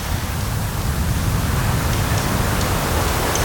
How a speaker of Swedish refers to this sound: Så hör man ju det här lite försiktiga ljudet av havet som spelar in mot stenarna.